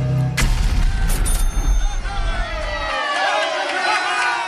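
A loud, booming explosion erupts with a deep rumble lasting a couple of seconds, then gives way to a busy wash of crowd noise and chatter.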